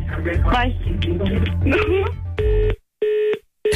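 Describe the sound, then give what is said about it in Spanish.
Muffled voices over a phone line cut off as the other party hangs up, followed by a busy tone: three steady, mid-pitched beeps pulsing on and off in an even rhythm, loud and alone. “No manches, ya colgó.”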